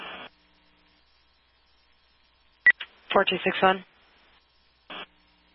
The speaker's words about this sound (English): Yeah, acknowledging tones for Jamestown, en route from Hygiene.